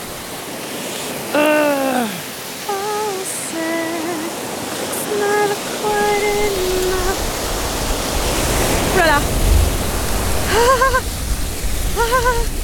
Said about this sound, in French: Alors le rituel quand même, c'est de se baigner dans chaque source d'eau froide qu'on croise, non? On va prendre des points de vie, là, en fait. Ah, allez, les fesses. C'est extrêmement, extrêmement, extrêmement froid.